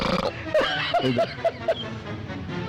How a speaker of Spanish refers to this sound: Bueno, eso no fue un eructo. Es un helicóptero. Un avión a chorro, ¿qué es esto? Mami. Sí, no me suena eructo. No sé con por qué. Todo. Es un eructo raro, ¿no? Es un avión.